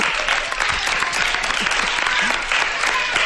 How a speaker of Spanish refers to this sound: Venga, un aplauso.